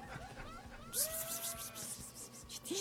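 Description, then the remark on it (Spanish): A cat meows a few times, drawn-out calls with gliding pitch and one short rising mew at the end, over a busy, noisy background with occasional hissy bursts. “¿Le está hablando un gato o qué?”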